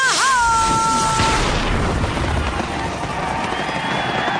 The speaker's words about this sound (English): Celebrate the 4th of July with a fireworks display from Messes Fireworks. That'll make your party the best one yet.